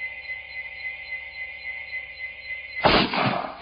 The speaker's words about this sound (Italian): In lontananza lo sparo del fucile di un cacciatore. È stato un soprassalto.